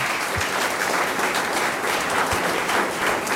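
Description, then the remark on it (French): A crowd applauds a cellist being introduced at a music festival, a dense wash of many hands clapping steadily at an even, full loudness for the whole stretch, with no voices standing out. “Et Georges Denoin, au violoncelle, que vous pouvez applaudir également.”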